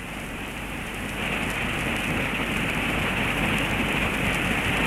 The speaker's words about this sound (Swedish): Fyrisån är stor och mäktig i år. Den väller fram nästan med en flodstyrka. Och bruset av det vita fallet blir nästan öronbedövande ibland.